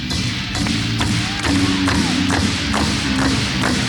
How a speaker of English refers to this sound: Something a little bit more rudimentary, something that help you warm your hands up. All you gotta do is clap them together in this manner.